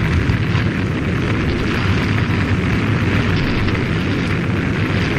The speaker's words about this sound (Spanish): El gigantesco edificio camuflado entre la selva se convierte en un infierno de estallidos y de fuego que estremece la jungla. Grandes llamaradas iluminan el cielo gris del amanecer